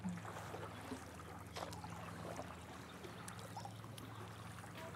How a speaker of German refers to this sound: Wir paddeln jetzt einfach mal hier in den Sonnenuntergang von Unterbach.